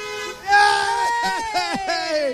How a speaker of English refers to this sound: Honk, we're getting a lot of waves right now. Yay! Hey! We got more honking. Thank God.